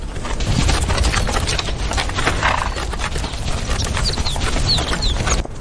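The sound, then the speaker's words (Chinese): Tibetan wild asses gallop past in a loud, dense rumble of pounding hooves, a steady drumming that runs for several seconds with no voices, and a few faint chirps near the end. “西藏野驴腿部粗壮，有极强的耐力，长距离奔跑，一天能行进数十公里。”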